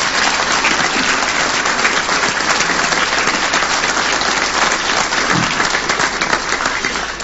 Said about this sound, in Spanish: Ahora sí les voy a pedir un fuerte aplauso para todos ellos.